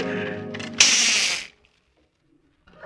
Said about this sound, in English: Oh, almost forgot to wind the kitchen clock.